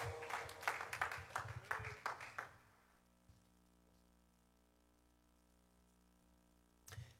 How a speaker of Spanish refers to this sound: Regálele un aplauso, Señor, y tome su asiento, por favor.